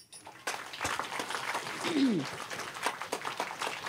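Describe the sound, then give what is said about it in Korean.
A crowd breaks into sustained applause for the city mayor, dense clapping that swells and holds steady, with a brief voice rising over the noise partway through. “그런데 정말 해냈으니 얼마나 장이야. 박수.”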